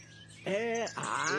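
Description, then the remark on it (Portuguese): Two loud bird calls in quick succession, each a rich, wavering harmonic cry, the first slightly arched and the second following after a brief gap, over faint background hiss; recorded birdsong played on air. “Ó, solta as passaradas tudo aí pra nós ouvir aqui em São Bernardo, pro povo ficar dormindo acordar, meu irmão.”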